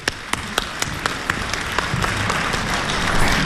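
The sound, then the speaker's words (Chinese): An audience at a stage show in Beijing applauds steadily to welcome two crosstalk comedians, with a few sharper individual claps standing out early on, the clapping swelling slightly louder toward the end. No one speaks over it. “谢谢各位热情的掌声。”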